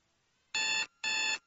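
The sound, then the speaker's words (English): An alarm clock rings in two short, loud bursts separated by a brief pause, a bright, buzzy metallic jangle with no voices. “No alarm clock.”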